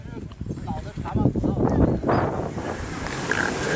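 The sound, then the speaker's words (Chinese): Strong wind rushes and buffets steadily on the summit of Daxiangling mountain as clouds gather and the wind strengthens, a dense low roar with gusts swelling, while a voice talks faintly beneath the noise. “队员们也观察到，大象岭山顶已经开始慢慢聚拢起团团云雾，风势渐强，大家加快了登顶的脚步。”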